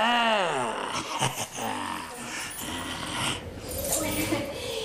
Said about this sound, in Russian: Ну, теперь пошли щелкать дверьми, отодвигать ящики, ключами греметь. Засуетились, забегали.